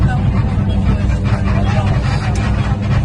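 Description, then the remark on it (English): A rickety minibus to an airport hotel, one of its wheels buckled, rumbles along with a loud, continuous engine drone and constant rattling from inside the cabin, with faint indistinct voices mixed into the noise. “The whole thing rattled.”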